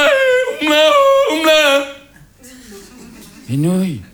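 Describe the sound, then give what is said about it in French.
A Tyrolean cousin belts out a yodel-like song, flipping abruptly between low and high registers in a few sustained phrases, then ends with a quieter stretch and a final swooping howl-like note. “Je peux pas toucher une nouille avant que le cousin tyrolien ait fini sa chanson.”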